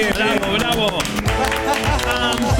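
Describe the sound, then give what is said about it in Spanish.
Steady applause for the nominees, dense continuous clapping mixed with loud cheering and shouting voices that ring out over it throughout. “El aplauso para los nominados.”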